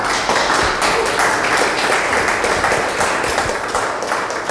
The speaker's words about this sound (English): The walk concluded back at the gallery. As the final phones fell silent, the buzzing masterpiece came to an end, prompting smiles and warm applause from the participants.